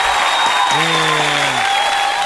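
Steady applause from a crowd on a radio program, thanking a guest from the Casa de la Inclusión y la Discapacidad, fills the whole stretch, dense and fairly loud, with a brief tonal voice-like hum rising underneath partway through.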